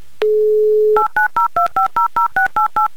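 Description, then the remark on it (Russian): A steady, low dial tone hums for under a second, then about ten quick two-note touch-tone beeps follow in an even, brisk rhythm as a number is redialed to call a contestant back in the live game show 'Car for a Smile'. No voices. “поэтому еще раз повторно Алене мы перезвоним”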